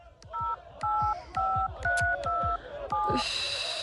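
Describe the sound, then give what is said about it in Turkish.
A phone number is dialed to call a hospital, with six quick dual-tone beeps in a steady rhythm, each paired with a button click, followed by a hiss as the line connects. “Defalarca aradık ama bir daha deneyeyim.”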